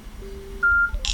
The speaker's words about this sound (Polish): O właśnie. Słuchawka wydała nam dźwięk, telefon zadziałał.